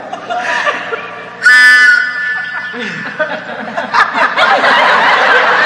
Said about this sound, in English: A tin whistle. I had to buy 25 boxes of Cracker Jacks before I found one. Go ahead, try it. See what it sounds like.